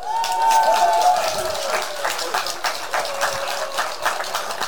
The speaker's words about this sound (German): Und daher kommt jetzt ein Applaus für euch beide.